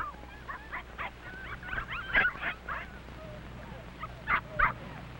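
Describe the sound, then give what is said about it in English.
Several puppies, the pups of a dog named Mac, yip and whimper in high, thin bursts, a scattered cluster of short squeaky cries and whines, with a few sharper yelps standing out over a low steady hum. “Now, pups, no time to fight.”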